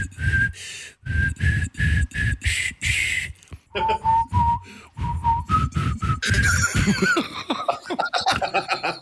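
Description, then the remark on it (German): Someone whistles the children's tune "Alle meine Entchen" in short, separate notes, fairly loud, with breathy gaps between phrases and a bit of chuckling toward the end. “Also ich bilde mir wirklich ein, du hast gerade alle meine Entchen gepfiffen.”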